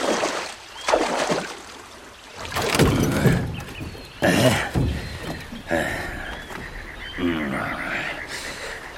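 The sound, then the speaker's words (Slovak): A ferryman rows a rowboat across water to the other bank, oars dipping and splashing in several uneven strokes, with sloshing and trickling water between each pull. “Poriadne zaber, nech sme čím skôr za vodou.”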